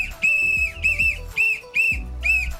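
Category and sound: signal or alarm, whistle blown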